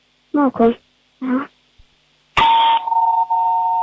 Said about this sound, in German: Und dann hätten wir noch gerne natürlich die Türklingel gehört.